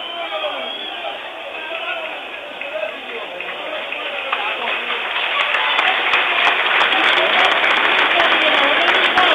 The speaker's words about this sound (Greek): Χειροκροτούν οι φίλοι του Πανετολικού στο γήπεδο τον Παυλένκα που βγαίνει με το φορείο που φαίνεται να έχει χτυπήσει.